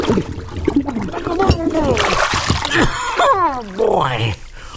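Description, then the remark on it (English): Water splashes and sloshes in a fishbowl while a voice makes gliding, wordless vocal sounds over it, with a burst of louder splashing in the middle. “I can't get my head out of the water. Oh, boy. There, the fishbowl.”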